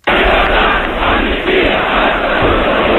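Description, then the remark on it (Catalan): A large protest crowd at the 11 September demonstration in Sant Boi, nine months after the dictator's death, shouts and chants 'llibertat, amnistia, estatut d'autonomia' together in a dense, continuous roar of many voices, loud and sustained throughout, with only a brief dip midway; broadcast by Ràdio Barcelona. “Amb aquests crits, llibertat, amnistia, estatut d'autonomia, i de fet Ràdio Barcelona va ser l'única emissora en transmetre aquella protesta.”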